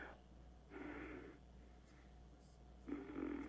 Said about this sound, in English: I love when you're just breathing there, and it sounds like you're tooting. I love that.